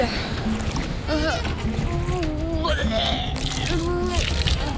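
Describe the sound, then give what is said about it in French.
Rough water churns and sloshes steadily around oared liburnian warships during a naval battle, a dense continuous roar of waves with indistinct voices calling out over it. “Les flots sont agités et ça tangue à bord des liburnes.”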